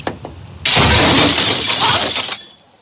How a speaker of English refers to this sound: I got good news and bad news. Okay. The good news is that I'm able to get your keys out of the car. Okay. The bad news is that your window broke.